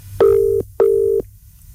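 The ringback tone of an outgoing phone call made on Q Radio Breakfast sounds twice in a quick double burst, a steady mid-pitched electronic purr heard clearly and fairly loud over faint background hiss, with no one answering.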